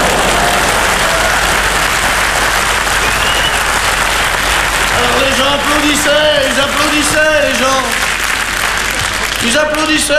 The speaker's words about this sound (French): Et puis, quand ça a été fini, je suis revenu une dernière fois sous les applaudissements du public. Ils applaudissaient plus fort que ça, je crois.